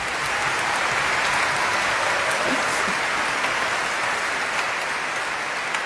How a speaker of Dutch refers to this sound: Ja, dat mag eigenlijk ook een applaus.